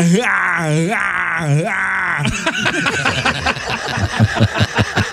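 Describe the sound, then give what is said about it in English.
A man imitates Arnold Schwarzenegger's pain yell from his movies: a long, strained, wavering groan that rises and falls for about two seconds, then breaks into choppy laughter and chatter from several people. “One is his pain yell, and every movie he has to do it.”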